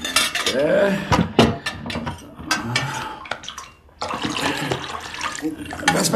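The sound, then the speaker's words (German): In a dungeon cell, a water container clinks and knocks a few times while water sloshes and splashes, briefly pausing before a steady rush of moving water returns, fairly loud with no talking. “Asterix, gib mir den Behälter mit dem Wasser da.”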